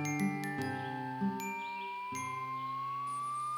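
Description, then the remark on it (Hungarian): A tiny bell hanging from a little rabbit's neck in the forest jingles in a few light, tinkling strikes, its bright ringing tones hanging on and slowly fading between hits. No one speaks. “Élt az erdőben egy bűbájos kis nyulacska, akinek mindig lógott a nyakában egy apró harangocska.”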